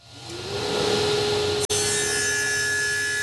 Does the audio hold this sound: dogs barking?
no